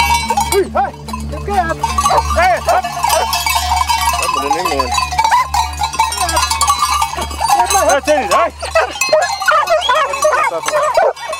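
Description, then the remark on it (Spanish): A large flock of sheep is driven uphill through the mountains by herders in the wind, with a steady, dense chorus of overlapping bleats and jangling bells and occasional human calls mixed in. “Y las ovejas y los hombres solo están al principio de su travesía.”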